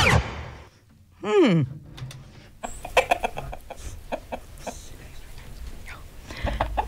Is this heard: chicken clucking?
yes